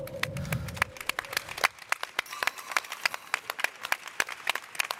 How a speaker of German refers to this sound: Und natürlich auch einen großen Applaus für dich